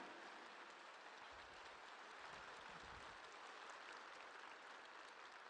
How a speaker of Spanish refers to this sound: Un aplauso a la palabra de Dios. Un aplauso al verbo de Dios hecho carne.